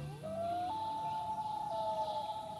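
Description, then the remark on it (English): A loon's long, haunting wail: a pure, steady whistled tone that slides upward, steps to a higher note and holds it, with faint background hiss and no voices. “Loons are built for life in the water.”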